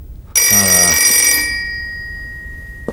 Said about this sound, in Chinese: 现在哪有时间接电话呀？